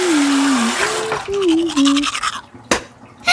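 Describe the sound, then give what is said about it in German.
Scrubbing of a toothbrush with toothpaste over a steady hiss of running tap water, while someone hums a wandering tune; the water noise thins out near the end before a brief splash. “Ups, jetzt ist der Wasserhahn aufgeputzt. Mit meiner Zahnpasta.”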